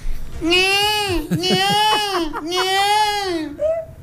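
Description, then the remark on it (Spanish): A person imitates a peacock call: two long, loud, nasal wails that rise and then sag, broken by a few short yelping notes in between and a brief final squawk. “Yo una sola vez en la vida voy a hacer un pavo real”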